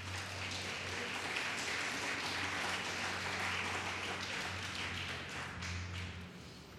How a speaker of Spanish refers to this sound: Eso lo hace el Señor, denle un fuerte aplauso a Cristo.